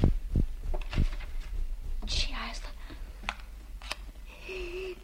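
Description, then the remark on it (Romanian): A quiet scratching burst of a match being struck flares briefly in the middle, surrounded by faint clicks and soft rustling, with low murmuring. “A prins un chibrit.”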